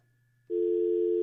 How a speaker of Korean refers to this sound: 극동방송에서 지금 전화 걸고 있어요. 받아주십시오.